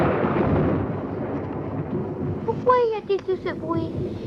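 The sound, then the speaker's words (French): A deep, steady rumble of thunder rolls continuously, fairly loud, and near the end a voice starts speaking over the lingering roar. “L'éclair dit quelque chose au tonnerre et le tonnerre lui répond.”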